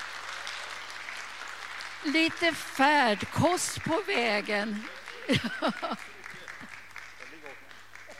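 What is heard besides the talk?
warm audience applause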